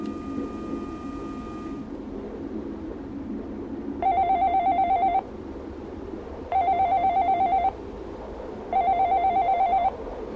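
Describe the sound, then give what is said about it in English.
A telephone that rings endlessly rings in three evenly spaced bursts, each a bright, buzzy, warbling tone lasting about a second, over a low steady hum. A brief held tone plays at the start. No one speaks. “a telephone that forever rings with the same recorded message playing”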